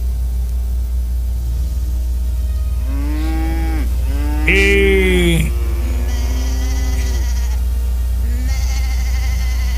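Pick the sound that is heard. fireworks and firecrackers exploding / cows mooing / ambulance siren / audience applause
cows mooing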